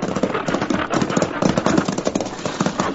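Horse hooves clip-clop in a steady, continuous rhythm, a moderately loud patter of quick hoofbeats over a rough background rumble, with no voices.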